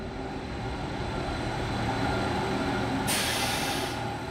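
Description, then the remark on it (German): A train with restored interiors rumbles along steadily on a single-track line with a constant low drone and rattling, and a burst of hissing air joins near the end, like brakes releasing, as it reaches Iseo station by the lake after a half-hour ride. “Unser Zug erreicht den Bahnhof von Iseo nach einer halben Stunde Fahrt.”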